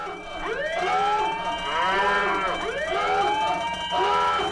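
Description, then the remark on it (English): A wailing siren sound effect, used as an 'overheating' sound for a hot take, sweeps up and down in repeated rising-and-falling cycles, loud and steady with layered harmonic tones and no talking over it. “That's the hot take, overheating sound.”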